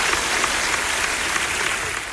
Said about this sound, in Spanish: Un aplauso.